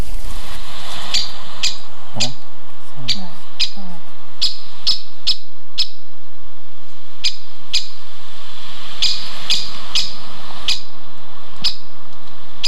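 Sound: woodpecker calling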